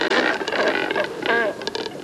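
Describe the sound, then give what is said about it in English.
Harsh, raspy cormorant croaks overlap in a steady, continuous chatter, fairly loud, like several birds calling to one another at once; cormorants croaking at their neighbors while drying their feathers in the sun. “They catch their prey efficiently, letting them spend most of their day loafing around, drying their feathers in the sun, and croaking at their neighbors.”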